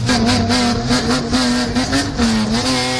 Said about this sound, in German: Na, wieder erkannt, das war Jingle Bells aus der Auspuffanlage.